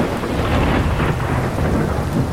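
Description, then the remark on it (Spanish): Steady heavy rain pours down with a deep, continuous rumble of thunder underneath, dense and loud throughout the short stretch, with no voices present. “Es bonito disfrutar de la lluvia y escuchar, pues, los sonidos que emergen de los truenos, de los rayos, de relámpagos”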